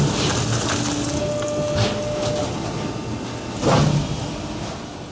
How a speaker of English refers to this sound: And then as the machine is getting filled, you're going to hear it's compressing the cardboard and turning it into that baled product.